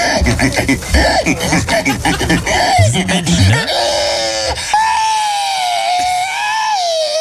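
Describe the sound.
A person imitates a pig, in the manner of Estonia's annual pig-squealing competitions, letting out a run of harsh, grunting squeals that rise into a long, high, wavering shriek. The squealing is loud and continuous, with no other voices.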